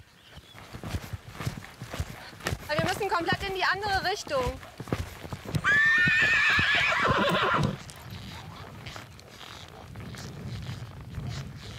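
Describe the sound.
Horse hooves clop steadily while a horse whinnies loudly twice, the second neigh long and shrill, with a person speaking briefly nearby.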